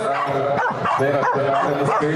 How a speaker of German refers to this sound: Aber mein Lieblingswettbewerb ist ehrlich gesagt, dass Corgi um die Wette bellen, der lauteste Corgi gewinnt. Finde ich toll.